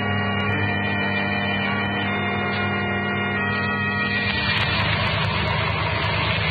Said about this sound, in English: The car was Herbert and the girls just pulling over to the curb, Dr. Dahmer. Where are the boys? I see, they're standing on the corner. Herbert's getting out of the car.